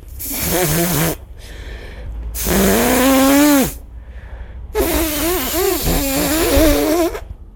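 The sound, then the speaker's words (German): Someone blows their nose three times in a row, each a long, loud honking blast with a buzzy, wavering pitch over a rush of breathy noise, separated by short pauses. “Ganz normal sich Nase putzen.”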